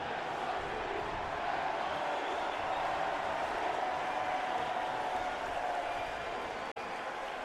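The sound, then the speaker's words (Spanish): A stadium crowd, with New York City FC fans shouting, roars before the Timbers and New York City FC take the field, in a dense, unbroken wash of voices that holds steady for several seconds, with a brief cut in the sound near the end. “El grito a la derecha de NYC, que lo pueden escuchar.”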